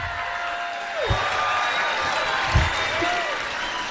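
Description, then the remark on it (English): A large audience applauds and cheers as Chris Hayes and Stacey Abrams are welcomed to the stage at an event on voting and democracy, a steady, dense roar that fills the whole stretch, with a couple of rising whistles cutting through the noise. “Wow, what a crowd.”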